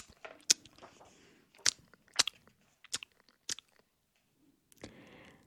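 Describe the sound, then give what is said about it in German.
Quiet chewing with soft smacks and crunchy bites, a handful of sharp crisp transients spaced irregularly between pauses, then a longer mushy munch at the end. No talking. “Man hörte nur ab und zu ein leises Schmatzen.”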